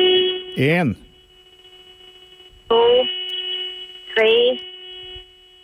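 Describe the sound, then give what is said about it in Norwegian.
A car horn is held down for five seconds in one long, unbroken tone, steady and buzzing, while a few short bursts of voice rise and fall over it. “Da skal du holde hornet inne i 5 sekunder sammenhengende.”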